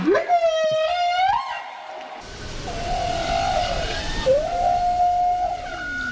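Whale song: long, eerie tonal moans that rise, hold and bend in pitch, rich with overtones, sung in a few drawn-out phrases over a low, hissing underwater wash.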